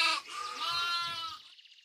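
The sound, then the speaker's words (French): A single loud sheep bleat, a wavering, quavering cry lasting over a second before trailing off into a faint tail. No one speaks. “Zut, il me manque un mouton.”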